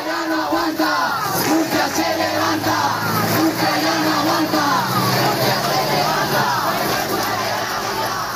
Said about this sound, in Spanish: Agitando las llaves de sus hogares y al grito de Murcia ya no aguanta, Murcia se levanta, los vecinos, convocados por el Sindicato de la Vivienda, han arremetido contra lo que llaman violencia inmobiliaria.